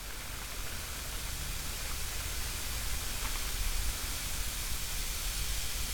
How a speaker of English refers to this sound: It's a very quiet start. And I think, can I hear rain? I think I can.